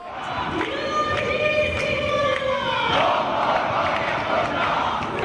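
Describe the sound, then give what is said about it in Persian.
A large protest crowd chants the Persian slogan "By the blood of our comrades, we stand until the end" in unison, many voices holding a loud drawn-out shout before breaking into a continuous roar of mixed shouting that carries to the end. “قسم به خون یاران ایستاده ایم تا پایان، این شعاریه که امروز اینجا بارها سر دادن.”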